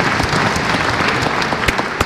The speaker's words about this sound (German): Applaus für diese große Stimme des jungen Sängers, so klang es im Kurhaus von Bad Ischl.